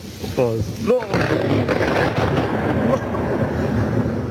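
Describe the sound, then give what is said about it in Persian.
A loud, rolling roar of thunder from a lightning strike during a storm in Herat province, Afghanistan, fills the whole recording, a dense continuous rumble, with a brief voice-like cry rising over it near the start. “و اینجا هم صدای هیبتناک سایقه در ولایت هرات.”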